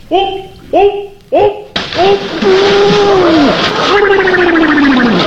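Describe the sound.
Three quick vocal yelps, then a sudden, loud splash as a person jumps into a swimming pool, followed by several seconds of churning, sloshing water with sliding, wailing voices over it.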